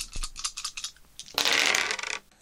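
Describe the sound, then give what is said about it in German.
Dice clatter inside a Kniffel dice cup in quick, uneven clicks, then spill out in a dense, loud burst of rolling and tumbling before settling, with no voices. The dice are rolled to pick the day's temperature for a weather report. “Naja, da wir ja heute beim Thema Spielen sind, habe ich ja zum Glück alle meine Spiele mitgenommen, auch meinen Kniffelbecher, deshalb werde ich jetzt mal die Temperaturen würfeln.”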